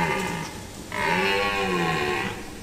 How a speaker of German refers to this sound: Das ist wahrscheinlich kein Bär, sondern eben ein Hirsch auf Partnersuche. Und damit Sie wissen, wovon ich rede, so klingt es, wenn im Wald gerade so ein bisschen geflirtet wird.